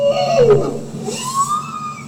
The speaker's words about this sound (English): That's a bowhead whale. Bosenberg says these are the sounds that scientists gather using hydrophones they deploy from the real vessel.